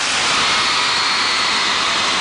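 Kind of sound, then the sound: crowd, concert crowd screaming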